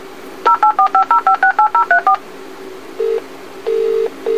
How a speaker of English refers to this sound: Your alarm telephone is dialing for assistance.